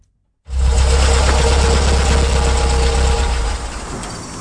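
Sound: car engine running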